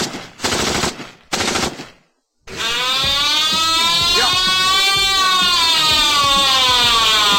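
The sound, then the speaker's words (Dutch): A ship's alarm signalling that the ship is taking on water: two short, harsh, noisy blasts separated by a brief gap, then after a moment of silence a loud, continuous wailing tone whose pitch wavers up and down. “We maken water. Ik denk dat we van maken boord water. Dan moeten we van boord volgens mij.”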